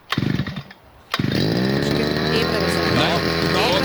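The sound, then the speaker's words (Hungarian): A small two-stroke brush cutter engine is pull-started with a short sputtering pull. It goes quiet for a moment, then catches and settles into a steady, buzzing idle. “Figyelj, beindítja a videót, vett arra, hogy kell beindítani a fűkaszát, megőrülsz.”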